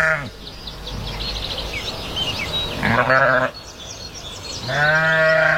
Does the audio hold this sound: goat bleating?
yes